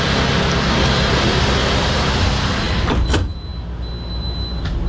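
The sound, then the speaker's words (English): The big sliding glass door of a futuristic vehicle, sleek like an all-electric delivery truck, glides shut with a brief thud on a manufacturing plant floor, and the loud surrounding hum of vehicles and workshop noise drops noticeably once it closes. No one speaks. “You can listen how good these doors work.”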